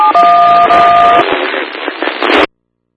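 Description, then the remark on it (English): A steady two-pitch phone dialing tone sounds for about a second over loud, crackly static, which keeps hissing afterward before cutting off abruptly. “I can give him a call on the phone.”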